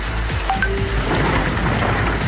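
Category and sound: nature, thunder and rain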